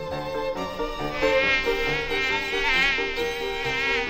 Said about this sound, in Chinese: 这帐篷里怎么有蚊子呢？